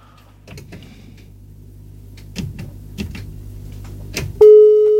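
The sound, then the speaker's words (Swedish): Several sharp clicks and clunks like a handset being handled, then a loud, steady electronic telephone tone cuts in near the end and holds, like a busy signal after a listener's phone call to a radio program drops. “Nej, där bröt samtalet tydligen.”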